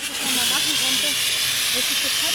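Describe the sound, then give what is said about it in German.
A steady, loud pressurized hiss of a water-filled fire extinguisher spraying continuously, with faint voices murmuring underneath, as course participants practise putting out fires on a disaster-relief training ground in Tuntenhausen. “Danach dürfen die Teilnehmenden selbst üben, Brände zu löschen, fiktiv mit wassergefüllten Feuerlöschern.”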